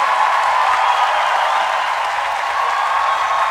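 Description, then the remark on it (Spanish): Loud, sustained applause from a crowd on the Actual 102.9 radio morning show, a dense wash of clapping that holds steady without pause for several seconds, with no voices rising above it. “Aplauso fuerte”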